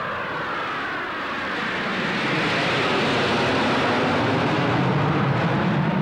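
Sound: jet planes flying overhead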